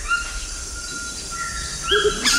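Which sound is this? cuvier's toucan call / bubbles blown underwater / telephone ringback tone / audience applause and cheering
cuvier's toucan call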